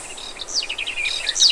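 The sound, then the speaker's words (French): A garden warbler sings a long, continuous, rapid warble of varied high notes, rich and bubbling, heard clearly with no voices present. “Et voilà maintenant la fauvette des jardins. C'est un chant long et gazouillant.”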